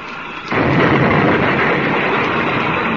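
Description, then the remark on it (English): After a half-second of low hum, a sudden loud crash erupts into a dense, roaring rumble that stays heavy and unbroken to the end as a patched-up spaceship rams a gang ship and the two lock together. No voices. “They're going to ram.”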